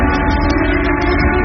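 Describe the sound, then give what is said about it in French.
A loud factory siren of the SMN works in Normandy holds a steady, droning wail with a harsh, buzzing edge, unbroken for the whole moment with no voices. “Une sirène qui résonne encore dans la tête de milliers d'ouvriers.”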